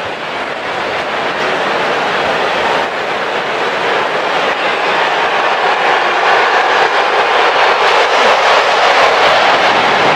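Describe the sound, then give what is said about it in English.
A low-flying airplane roars over a ballpark, a loud, broad, steady rush of engine noise that holds for about ten seconds and swells slightly toward the end, with no voices. “That plane was moving. It could be loud here when those planes buzz us.”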